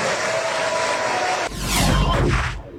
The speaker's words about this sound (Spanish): Se me chispoteó, a lo mejor. La onda es que todos aplaudieron.